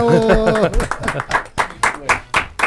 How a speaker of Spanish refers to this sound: ¿Le damos un aplauso al Mauricio?